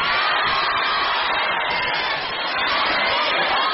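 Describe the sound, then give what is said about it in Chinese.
An audience at a crosstalk (xiangsheng) stage show applauds Li Chen, performing with Yue Yunpeng, with dense, continuous clapping and some cheering mixed in, loud and sustained across the whole few seconds with no speech on top. “来来来，给他点掌声。”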